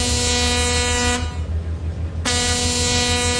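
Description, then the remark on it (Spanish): The horn of a big ship passing by sounds two long, loud, steady blasts with a brief gap between them, a deep, brassy, buzzing tone over a low rumble. “Nomás se escuchaba cuando pasaba así el barcote.”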